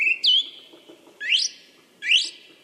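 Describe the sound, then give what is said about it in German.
A song thrush sings three bright, whistled phrases with rising, sweeping notes, separated by short pauses, clear, with a faint low rumble of background noise and no talking. “der Singdrossel ein DJ-Gedächtnis. Denn in ihrem Leben lernt Letztere mehr als 100 Lieder und kann andere Vögel genauso wie ein Telefonklingeln imitieren.”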